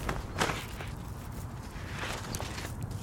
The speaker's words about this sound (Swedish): Ja, jag vet inte om man hör det där, Jakob, men det är en eld här och även då vedrök eller rök från elden. Nu blåste det på Alva här ganska mycket, men vi fick upp en eld här alldeles nyss, tänkte jag säga, men den har faktiskt varit igång lite.